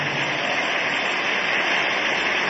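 A church audience gives God applause of victory in a dense, steady wash of clapping that stays loud and even throughout, with no voices standing out above it.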